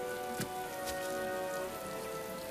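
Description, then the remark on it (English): Steady, heavy storm rain pours down in a continuous wash, with a few sharper spatters of drops striking a surface now and then. No voices are heard. “Yes, enough, Lugard. Stop the storm.”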